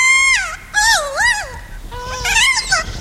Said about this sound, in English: They recorded captive kias making those warbling calls, then traveled to New Zealand where they played the recordings for wild kias.